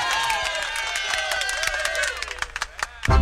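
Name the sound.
applause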